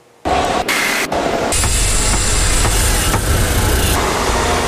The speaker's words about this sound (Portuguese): São Paulo tem mais de 11 milhões de habitantes, então a gente vive assim, no trânsito entre buzinas e motores, porque a quantidade de carros nas ruas é impressionante.